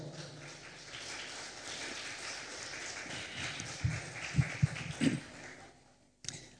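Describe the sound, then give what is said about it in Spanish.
A crowd at a sermon applauds steadily for several seconds in praise of God, a dense wash of clapping with a few louder thumps toward the end before it cuts off abruptly. “Un aplauso, por favor.”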